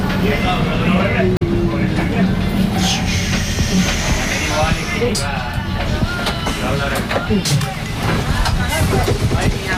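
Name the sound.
tram running on rails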